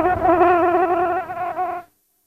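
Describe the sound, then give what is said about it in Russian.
A housefly buzzes in a steady, droning hum whose pitch wavers slightly, lasting under two seconds before cutting off abruptly. No voices are heard. “Да черт подери эту муху.”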